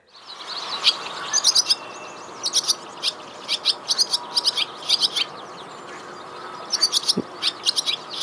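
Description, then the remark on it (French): A barn swallow sings a fast, jumbled twitter of high chirps and buzzy notes in irregular bursts, fairly loud over a soft background hum, with no voices. “Alors, là, ce qu'on entend, c'est une hirondelle rustique. Et donc ici, on parle de notes chaotiques.”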